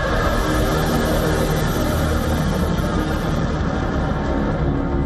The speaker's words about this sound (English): Missiles roar through the skies.